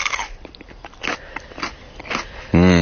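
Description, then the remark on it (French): Crisp crunching as someone bites into a fresh chili pepper and chews, several irregular snaps and crackles, followed by a short voiced hum at the end. “Vous pouvez, on peut en croquer ah un oui, comme ça ou pas? Bien sûr qu'on peut en croquer, évidemment.”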